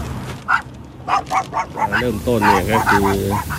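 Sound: dogs barking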